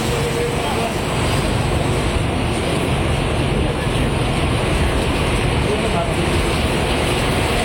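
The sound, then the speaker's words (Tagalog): Heavy rain pours down in a steady, dense roar and hiss that fills the whole clip, staying loud and constant without any breaks or changes in intensity. “Malakas na yung ulan eh.”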